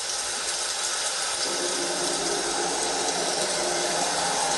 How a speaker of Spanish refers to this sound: Pues está lloviendo, está lloviendo. Está fuerte el agua.